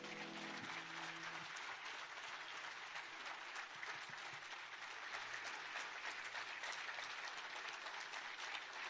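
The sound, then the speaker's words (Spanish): Steady, dense applause from a crowd clapping for Jesus, a continuous crackle of many hands clapping at an even, loud level for the whole stretch, with no voices standing out. “Fuerte el aplauso a Jesús.”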